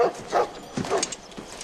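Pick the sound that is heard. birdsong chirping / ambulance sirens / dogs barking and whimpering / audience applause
dogs barking and whimpering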